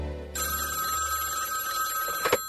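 A telephone bell rings in one sustained, shrill burst that starts abruptly and carries on steadily to the end, fairly loud, with nobody speaking.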